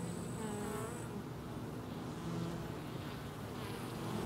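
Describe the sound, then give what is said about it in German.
Honeybees buzz steadily for a few seconds, a dense low drone with layered wingbeat hum, fairly quiet and continuous with no talking. “Mitunter machen sich Honigbienen auch untereinander Konkurrenz.”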